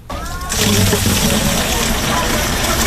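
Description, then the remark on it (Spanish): Water gushes steadily into all kinds of containers at a water distribution point by the public safety complex in Trujillo Alto, a loud continuous rush that starts abruptly and keeps going, with a low engine or pump hum and muffled voices in the background. “Allí abonados llenaban todo tipo de envases, ya que 3 de los 8 barrios de este pueblo llevan 4 días sin agua.”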